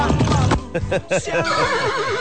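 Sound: horse neighing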